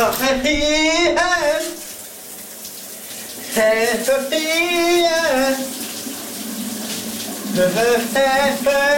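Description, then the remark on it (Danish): Steady hiss of shower water runs throughout a morning shower while a man sings loudly, his melodic voice rising and falling over the constant spray. “Hvad sang han i brusebadet i morges?”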